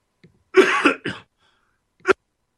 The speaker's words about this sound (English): let me cough here.